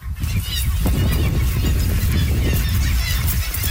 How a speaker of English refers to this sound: When you first get there, you really hear it. Birds everywhere. And it's just deafening sound of hundreds and thousands of birds.